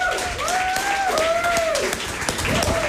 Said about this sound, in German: Dann brauchen wir noch einen krachenden Applaus für die Technik, die das ermöglicht hat.